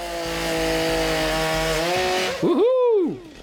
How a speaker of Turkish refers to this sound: Şayet odun kesecekseniz size iyi bir motorlu testere lazım. Tıpkı bu elimdeki gibi. Çalıştırması çok kolay. Evet. X-Torque özelliği sayesinde yakıt tasarrufu sağlıyor ve emisyonu düşük tutuyor.